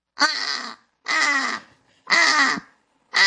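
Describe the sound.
A person imitates a British crow, giving four harsh, raspy caws in a slow steady rhythm, each about half a second long, loud with short silences between.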